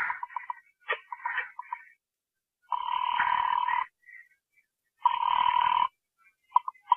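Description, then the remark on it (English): A quick run of telephone dial tones and clicks, followed by two long, steady rings on the line separated by a pause, heard clearly with no one speaking. “Pick up the phone, dial a number.”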